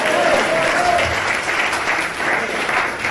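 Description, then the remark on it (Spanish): An audience applauds in a steady, dense wash of clapping that holds at an even, fairly loud level for about three seconds, with a faint voice briefly audible early on. “Abra los ojos y se vaya a aplaudir.”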